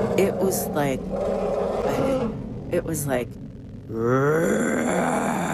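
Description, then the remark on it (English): A man says a few words, then imitates an elephant's roar with his voice: a loud, strained, rising and wavering bellow that swells after a short pause and holds to the end. “And in that silence, out of the forest to my right, came this roar. I have never, ever, I didn't even know that elephants could make this sound.”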